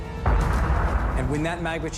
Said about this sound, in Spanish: Debido al calor y a las diferencias de presión, ascienden partes del magma. La presión aumenta hasta que la superficie terrestre se agrieta. Y el volcán explota.